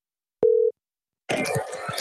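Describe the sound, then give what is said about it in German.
A single short, steady telephone line tone beeps once, clear, then after a pause gives way to a rough, muffled burst of noisy sound like a phone line picking up; an outgoing phone call being placed to Ireland. “Darum habe ich telefoniert nach Irland.”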